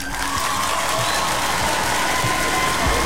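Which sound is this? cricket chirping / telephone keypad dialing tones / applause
applause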